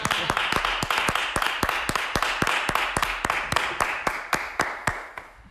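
An audience applauds, with sharp claps falling in a steady, even rhythm over a constant wash of crowd noise, loud throughout with no voices.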